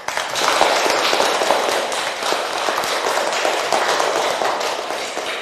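A crowd claps steadily for about five seconds, a dense, crackling wash of many hands at an even, fairly loud level, with no voices over it.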